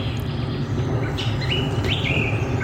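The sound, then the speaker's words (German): Several birds chirp and whistle at Ohlsdorf Cemetery near chapels 12 and 13, against a steady outdoor background, with a few clear rising and falling calls standing out over a constant low rumble; no one speaks. “das ist mal ein schöner Arbeitsplatz, wo die ganze Zeit ein paar Vögel im Hintergrund sind”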